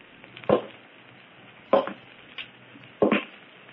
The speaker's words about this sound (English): Footsteps on the roof. Someone's up there.